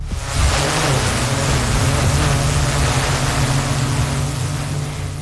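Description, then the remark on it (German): An autonomous fire brigade drone of the Gladbeck fire department, activated automatically on an alarm, flies with a loud, steady whirring buzz, a low droning hum under a broad airy hiss, continuing unbroken for several seconds with no voices. “Das hier ist die neue Wunderwaffe der Feuerwehr in Gladbeck. Eine autonome Drohne, die bei einem Alarm automatisch aktiviert wird.”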